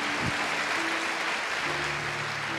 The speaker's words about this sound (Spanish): Si quiere dar un aplauso al Señor, tenga libertad de hacerlo.